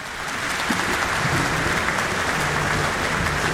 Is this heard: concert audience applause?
yes